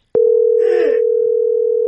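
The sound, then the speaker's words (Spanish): A loud, steady telephone dial tone after the other party hangs up starts abruptly after a brief click and drones on unbroken, with a faint voice briefly murmuring beneath it early on. “¿Por qué me cuelga?”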